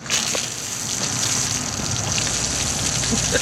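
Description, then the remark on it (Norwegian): Cola sprays out of a bottle after Mentos are dropped into it, the spray able to reach several meters: a loud, steady, hissing gush that holds constant for several seconds with a fizzy, splashing texture and no voices. “Sekunde mentos navner I colaen, så spruter det ut av flasken, og spruten den kan stå flere meter.”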